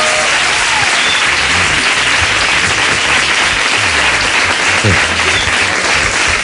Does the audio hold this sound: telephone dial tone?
no